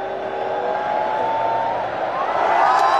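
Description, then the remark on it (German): A dense, continuous roar of thousands of fans and the Spanish team cheering as Spain's captain lifts the football World Cup trophy after the final in New York, with team members shouting amid it, sustained throughout and swelling louder toward the end. “So klingt der Moment, als Spaniens Kapitän Rodri den WM-Pokal in die Höhe stemmt, unter dem Jubel seiner Mannschaft und tausender Fans”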